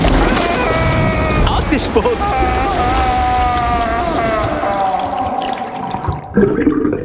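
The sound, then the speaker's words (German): Continuous wet gargling of fresh water after tooth brushing, a bubbling, churning rush of water with a throaty hum running through it for several seconds before it breaks off toward the end. “Und gegurgelt wird auch noch.”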